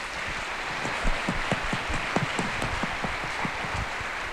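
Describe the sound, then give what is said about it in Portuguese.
A parish audience applauds steadily to welcome people who have entered a religious vocation, with dense overlapping claps forming a continuous wash of sound that holds at an even level for several seconds, with no voices heard. “Vamos acolhê-los com a salva de palmas.”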